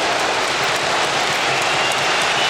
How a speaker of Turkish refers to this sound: Genç Yunus Akgün'ün şutu tribünlerden büyük alkış aldı.